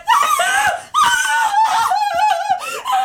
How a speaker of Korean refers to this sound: 입을 다물자 집안은 할머니의 비명으로 가득 찼다.